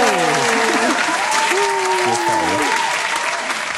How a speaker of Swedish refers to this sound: Kan vi få en applaus från salen för quizen? Ja, en som kan klappa här.